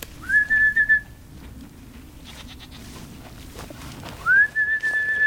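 A shepherd's whistle calls his herd of goats twice, each a rising then steady tone held about a second, separated by a pause with faint bleats and rustling low in the background. The goats are of the Burren breed and are grazing an overgrown garden.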